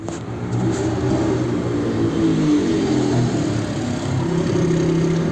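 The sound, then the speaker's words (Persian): A motorcycle engine runs loud as the motorcycle approaches, revving steadily with its pitch rising and falling for several seconds, no voices over it. “فردای اون روز منتظر آژانس بودیم که ناگهان یه موتوری به ما نزدیک شد.”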